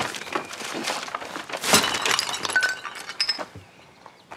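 A dropped heavy bag lands with a bright crash as a glass bottle inside shatters, followed by a scatter of high tinkling shards and clinks that fade out over a few seconds.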